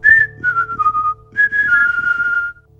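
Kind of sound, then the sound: human body sound, human whistling a tune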